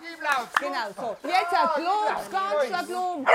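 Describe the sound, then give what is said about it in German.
A dog trainer imitates a dog barking to urge on a hunting dog near fenced-in wild boars, giving a quick series of loud, voiced woofs and yips, each bark short with a rising-then-falling pitch. “Das Bellen, das zu hören ist, kommt von Hundetrainerin ….”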